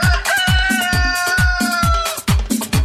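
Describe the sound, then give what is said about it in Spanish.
A loud, drawn-out rooster crow rings over a steady thumping drum beat, as if laid into a musical track. No one speaks. “para mi amigo alias El Gallo, ¿no? Caramba. Así como él, ¿no? Así como él, escuche, escuche.”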